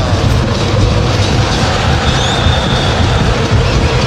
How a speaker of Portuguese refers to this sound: vibra torcedor tricolor, deixa eu ouvir o som do torcedor do Grêmio, abre de novo esse microfone aí